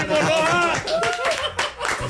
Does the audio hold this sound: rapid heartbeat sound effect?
no